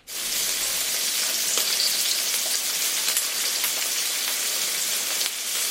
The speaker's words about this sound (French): C'est évidemment le bruit du beurre qui crépite dans la poêle.